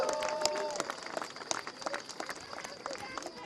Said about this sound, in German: Ich glaube, das ist mal euer Applaus, auch an meine Teams, die immer dafür sorgen, dass wir hier so tolle Veranstaltungen in Wernigerode haben können.